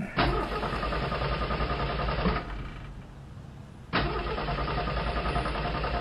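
A truck engine cranks and roars loudly, cuts out briefly for over a second, then catches and runs again with a steady, rough rumble.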